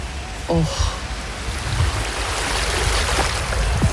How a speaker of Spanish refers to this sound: Me voy a intentar acercar a la orilla para que podáis escuchar el mar desde Madrid.